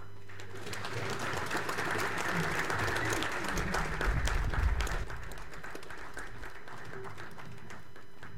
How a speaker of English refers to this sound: A round of applause one more time, please, families